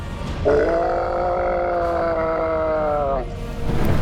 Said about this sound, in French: En un éclair, la bête se releva de tout son corps et se mit à hurler.